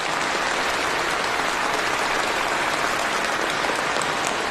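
Sustained applause from a large crowd at the Touching China 2025 awards ceremony, cheering on two honorees: a dense, steady wash of clapping at an even loudness for several seconds with no voices audible above it.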